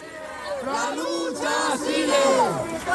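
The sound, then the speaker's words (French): A protest crowd in Madrid, marching toward the Parliament, chants the slogan 'the struggle continues' together, many voices shouting loudly in unison with rising and falling phrases that repeat in a steady rhythm. “Voilà, vous l'entendez, il crie « La lutte continue », tous promettent à Marie-Carmen de poursuivre le combat comme elle le leur avait demandé depuis son lit d'hôpital.”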